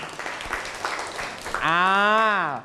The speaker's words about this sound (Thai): เก่งมากปรบมือให้เพื่อน